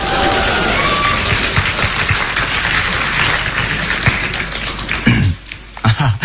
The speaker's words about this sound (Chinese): 感谢朋友们热情的掌声。 你看这掌声多热情啊！